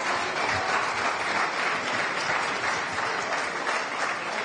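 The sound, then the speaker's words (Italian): An audience applauds a guest speaker steadily, a dense, even wash of clapping hands that stays at a constant loudness throughout, with no voices standing out. “Santina, se vuoi proseguire, un applauso per Simone, grazie.”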